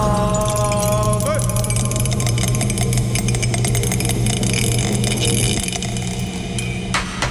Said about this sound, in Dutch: Ho! Mijn welgemene excuses. Dobbelsteen is van het bureau afgevallen.